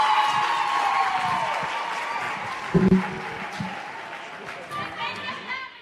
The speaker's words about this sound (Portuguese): Uma forte salva de palmas à nossa mãe, Ivete Alane, Ministra do Trabalho, Gênero e Ação Social.